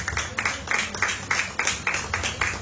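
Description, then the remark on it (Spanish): A church audience applauds as an offering of applause to God, clapping together in a steady, even rhythm of crisp bursts about three per second, fairly loud and sustained over a low background rumble. “Dale una ofrenda de palmas a nuestro Dios.”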